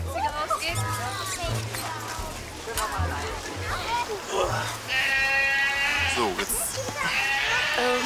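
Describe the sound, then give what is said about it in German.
Several goats bleat over and over, their wavering calls overlapping, with a steady, loud, long drawn-out bleat near the middle and low background noise throughout. “Achtung, Ziegen, der Bär kommt.”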